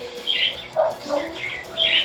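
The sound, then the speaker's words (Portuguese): A busy chorus of small birds chirping and tweeting, overlapping high bright calls in repeated bursts, moderately loud with no one talking. “Eita, quanto passarinho.”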